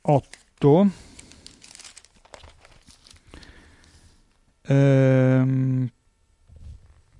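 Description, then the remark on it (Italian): Pages of the Italian newspaper Libero rustle and crinkle as they are turned over to find page 8, a few seconds of dry papery crackling, framed by short bursts of a man's voice. “Allora andiamo a vedere il centrodestra. Libero. Vediamo se lo troviamo. Eccolo qua, a pagina 8.”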